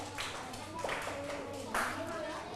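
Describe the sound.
A group of children claps for group 4 in a loose, uneven patter, with a few stronger bursts standing out, while voices carry on underneath.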